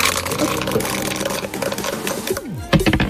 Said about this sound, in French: Et on va repartir donc de cette case 17. Dès que vous me dites top, on relance les dés.